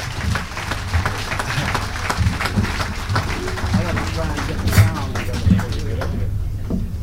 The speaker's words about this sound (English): Without further ado, let's get together and welcome to the stage that statesman of jazz and give a nice round of applause to Harry Sweets Edison, ladies and gentlemen.